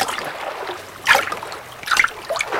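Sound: river water splashing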